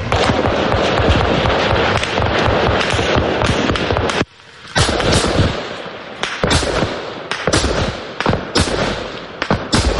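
Explosions from Russian guided aerial bombs near Kostiantynivka, on the Druzhkivka–Kostiantynivka highway: a dense, loud barrage of sharp booming and crackling bursts that barely let up, with one short lull before the blasts resume. No voices.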